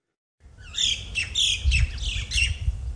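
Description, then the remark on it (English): A chorus of harsh, squawking calls from native Australian birds flying over vast farmland outside Melbourne, once Australia's largest goldfields; the loud, raspy cries repeat in quick succession, overlapping with some chirps against a low rumbling outdoor background. “The sound of native birds as they fly over fields as far as the eye can see.”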